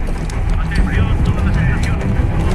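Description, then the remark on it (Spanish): A helicopter roars steadily overhead, its loud, continuous low rumble filling the whole moment, with muffled voices faintly audible beneath the engine noise. “¿Habrá más helicópteros?”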